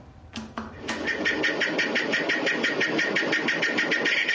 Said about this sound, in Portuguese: Esse é, quer ver? É cigarra. Quer ver? É cigarra. É cigarra. É cigarra!